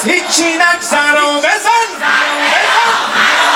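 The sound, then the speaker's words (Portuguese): A large crowd of protesters in Tehran, Iran, gathered on Sunday night, shouts loudly and continuously, calling for the Revolutionary Guard to bomb Israel, with raised voices overlapping in rhythmic, chant-like bursts that blend into a dense wall of yelling. “Aos gritos, os manifestantes pediram que a Guarda Revolucionária bombardeie o território de Israel.”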